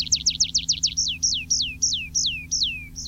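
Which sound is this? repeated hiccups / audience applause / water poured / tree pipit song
tree pipit song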